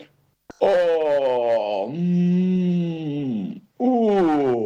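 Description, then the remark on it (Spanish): A person voices a long, drawn-out groaning yawn, imitating Óscar the bear waking from his winter sleep in spring and stretching an arm, a paw or swinging his head. The loud moan sinks lower in pitch, breaks off briefly, then starts again. “Exclamaba el oso, mientras estiraba un brazo, una pata o balanceaba la cabeza.”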